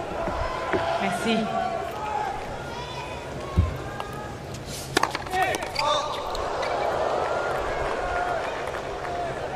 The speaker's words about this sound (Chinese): 哇，这个球在球拍上弹了一下，飞得这么高。